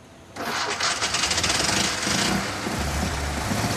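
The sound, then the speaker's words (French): A small petrol car engine, started by lifting a small lever rather than turning a key, starts abruptly after a brief quiet moment, then settles into a loud, rough, rapidly pulsing idle with a buzzy, lawnmower-like rattle. No voices are heard. “C'est ce qu'on entend quand quelqu'un tond sa pelouse avec une tondeuse à essence.”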